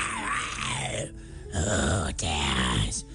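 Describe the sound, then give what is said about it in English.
A voice imitates a dragon snoring in a deep sleep with three drawn-out, rumbling groans separated by short breaths, loud, in a slow rhythm with no other words. “After a while, they went to bed, and the dragon fell into a deep sleep. As soon as he began to snore”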